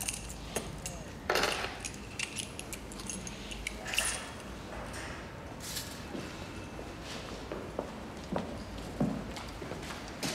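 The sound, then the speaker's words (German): Keys jangle in several short metallic bursts as they are handed over, fairly quiet, with brief clinks scattered over a few seconds. “Die Schlüssel, Aufzug ist rechts hinten.”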